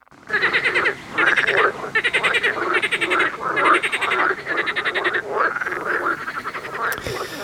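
A frog croaks loudly in a rapid series of rattling, pulsed calls, repeating in steady bursts for several seconds with no one speaking.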